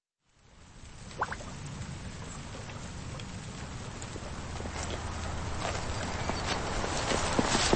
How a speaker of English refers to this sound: The rainy sounds of livestock and vegetable production at Rock Bottom Ranch.